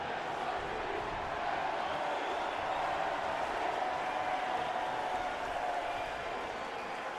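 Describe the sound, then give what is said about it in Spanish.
A large football stadium crowd, including New York City FC fans, roars and chants together before the Timbers and New York City FC take the field, in a steady, unbroken wash of many voices, holding a constant loudness throughout with no single voice standing out. “El grito a la derecha de NYC, que lo pueden escuchar.”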